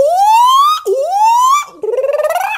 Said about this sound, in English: It was getting dark, and they were looking for a place to sleep when they heard a loud alarm.